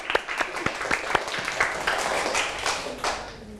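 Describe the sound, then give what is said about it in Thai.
Students in a class applaud themselves after giving group reports, many hands clapping in a dense burst that starts with sharp individual claps and settles into a steady wash before tapering off. “เด็กๆทุกคนมีความตั้งใจที่จะออกมาพูดขอปรบมือให้ตนเองอีกครั้งครับ”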